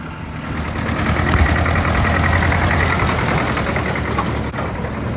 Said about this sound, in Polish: Meleksy, traktory, ciągniki. Tak, no tu jest takie właśnie zaplecze, są też różne pojazdy, kręcą się pracownicy, także tutaj taki zupełnie inny świat.